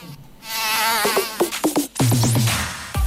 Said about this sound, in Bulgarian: Лето е, прозорците отворени, терасата е омилено место за кафе. Ама тука се појавува непоканетиот гостен комарецот.